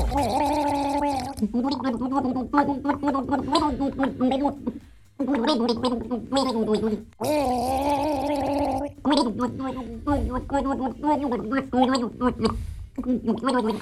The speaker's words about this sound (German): eine Wasserflasche geschnappt und drauf losgegurgelt haben. Das erste Duett bei Gurgelgaga. Hört mal, ob er das Lied erkennt.